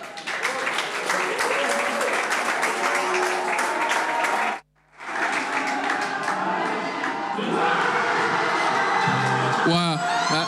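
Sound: crowd applauding and cheering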